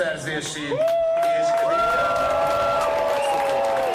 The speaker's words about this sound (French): Mettez-les en prison, scande la foule.